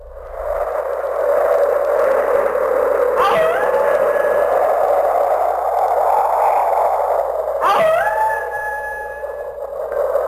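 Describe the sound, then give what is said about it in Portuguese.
Strong, steady wind roars throughout while wolves howl twice, each howl rising and wavering above the gusts, one early and one near the end, loud. “Aqui tamo eu e você no meio da ventania e dos lobos uivando.”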